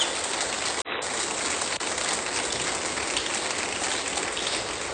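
An audience applauds during a church sermon in a dense, steady wash of clapping that holds at an even, fairly loud level for about five seconds, with no voices rising above it.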